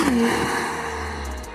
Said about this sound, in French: Oh, le son du moteur ! Ce V6 biturbo de 3,5 litres, mais c'est pas un son qui fait, c'est un rugissement.